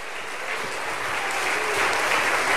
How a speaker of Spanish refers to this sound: Dale un aplauso de alabanza al Señor Jesucristo.